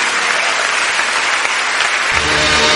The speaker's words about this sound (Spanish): Vamos a exaltarle este día con palmas, con toda nuestra alabanza.